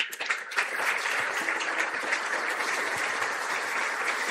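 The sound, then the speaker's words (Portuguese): An audience at a parish Mass (Eucharist) applauds warmly to welcome the parish's pastoral groups, a dense, steady wash of many hands clapping at an even loudness for several seconds with no voices on top. “Rezemos, portanto, pelas nossas pastorais e, acolhendo-as, eu peço uma calorosa salva de palmas.”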